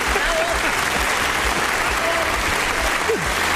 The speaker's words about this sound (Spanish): Pues, mira ahí, qué aplauso bravo.